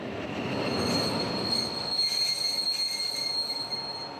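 A train shunting slowly, its wheels giving a sustained high-pitched squeal against the rails over a low rumbling of cars, steady and fairly close with no voices.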